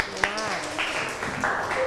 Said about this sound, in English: Yes. Yes, clap your hand for your friend. Good job.